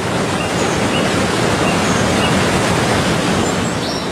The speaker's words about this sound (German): Erst als der letzte Priester seinen Fuß ans feste Land setzte, stürzte die Wassermauer donnernd zusammen und begrub den Pfad unter sich.